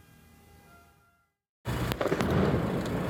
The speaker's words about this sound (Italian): La camionetta dei carabinieri in fiamme, il fumo che si alza dal cantiere, il rumore della battitura delle reti di protezione che accompagna l'esplosione di razzi e bombe carta.